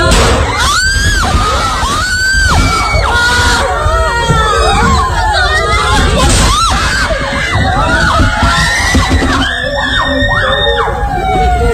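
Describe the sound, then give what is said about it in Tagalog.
Many students cry and scream at once in a classroom during a shooting at a school in Tacloban City on a Monday morning, high wailing arcs rising and falling over a constant loud babble, with occasional sharp bangs of gunfire cutting through the commotion. “Sa isang video nakuha sa loob ng isang classroom, maririnig ang iyakan ng mga estudyante.”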